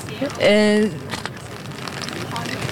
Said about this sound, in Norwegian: Vi hører det knitre litt i paraplyer der, men folk lar seg ikke skremme av regnet som nå faller over Oslo.